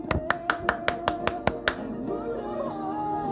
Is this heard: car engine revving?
no